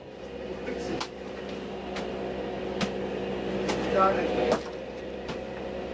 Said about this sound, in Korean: 덩어리를 망치로 내리쳐서 한 마리씩 떼어 놓습니다.